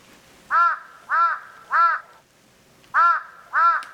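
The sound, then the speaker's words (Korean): A crow caws loudly close by, three harsh calls in steady rhythm, a brief pause, then two more, with nothing else but a quiet background. “까마귀가 지척에서 울었다.”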